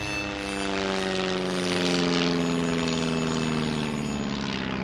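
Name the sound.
airplane engine flying overhead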